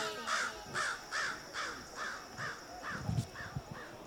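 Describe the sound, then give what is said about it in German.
A raven caws about eight times in a steady, even rhythm, each call harsh, hoarse and mid-pitched, with no voices. “Hier ist Rabe.”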